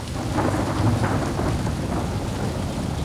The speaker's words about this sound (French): La pluie! Miracle! Le vol! Oh! Une bourrasque de vent a emporté l'escargot! Escargot! Escargot!